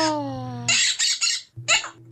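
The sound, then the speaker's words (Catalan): A parrot squawks loudly, starting with a drawn-out tonal call that slides slightly downward, then a rapid series of harsh, raspy screeches with a brief pause before the last one. “Calla, Lloro!”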